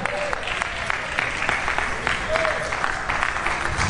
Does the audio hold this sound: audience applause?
yes